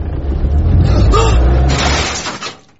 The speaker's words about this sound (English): I'll just park us up. Can you get in there? If I can get into Pam's carport, I can do this.